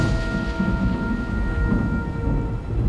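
A storm's deep, rolling thunder rumbles steadily throughout, loud and heavy in the low end, with a faint hiss of rain beneath and no one speaking.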